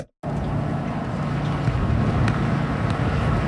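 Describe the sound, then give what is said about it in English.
Strong wind roars outdoors on a windy day in a steady, loud rush with heavy low rumble buffeting, starting abruptly after a brief silence and continuing without pause. “It's a windy one.”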